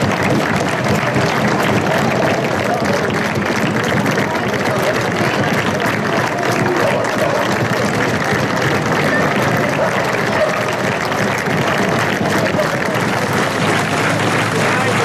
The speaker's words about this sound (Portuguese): São os aplausos na transmissão televisiva. É aquele dia em que ninguém ganha, não há nada a ganhar, porque todos perderam.